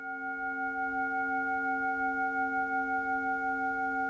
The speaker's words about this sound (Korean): 혹여 울림이 흐트러질까, 누군가 명상에서 깨어날까 염려하며 온 정성을 다해 싱잉볼을 울리는데요.